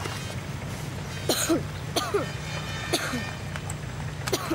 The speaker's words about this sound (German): Deinem Husten müssen wir wirklich mal wieder zum Arzt.